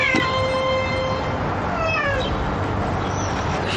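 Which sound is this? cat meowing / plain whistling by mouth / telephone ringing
cat meowing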